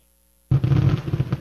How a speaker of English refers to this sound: It's a good thing we had that little pause for that little coda in the fireworks display.